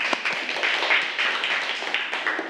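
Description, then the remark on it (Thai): A group of students in a class claps for their classmate representative who gave a correct answer, a dense patter of many hands with sharp individual slaps throughout, steady and fairly loud for the whole stretch, no voices heard. “เหมือนที่เพื่อนบอกมาถูกต้องอ่ะนักเรียนปรบมือให้กับตัวแทนของเราค่ะ”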